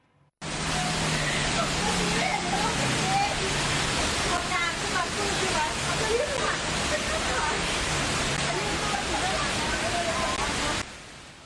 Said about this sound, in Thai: ช่วงเย็นเมื่อวานปรากฏว่าฝนตกหนักแล้วก็ที่บริเวณถนนงามวงศ์วานตั้งแต่หน้าห้างเดอะมอลล์ไปจนถึงฝั่งตรงข้ามห้างพันทิพย์เนี่ยน้ำเต็มพื้นที่การจราจรครับ